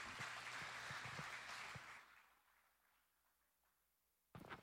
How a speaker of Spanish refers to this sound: Adelante, un fuerte aplauso.